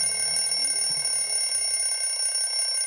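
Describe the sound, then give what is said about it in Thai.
A clock alarm rings steadily and loudly for the full few seconds, a continuous bright electronic chiming tone with no one speaking over it, marking twelve noon, lunchtime. “นาฬิกาเขาแค่บอกเวลาว่าตอนนี้เป็นเวลาเที่ยงตรงแล้วได้เวลากินข้าวกลางวันแล้วจ้า”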